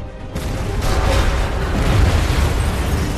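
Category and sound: sound effect, huge explosion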